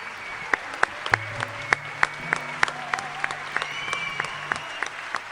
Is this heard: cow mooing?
no